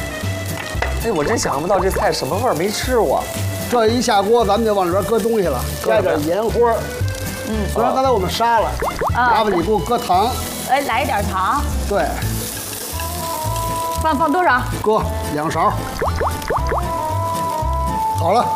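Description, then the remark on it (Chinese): Steady sizzling of cucumber and carrot strips stir-frying with dried chilies in a hot wok, with occasional stirring, continuing beneath nearly constant conversation between people. “这时候您看，黄瓜条下锅了。”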